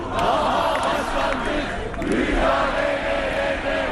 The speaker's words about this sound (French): Ils ont beau crier leur colère, les militants du principal parti d'opposition, CHP, ont le cœur lourd ces derniers temps.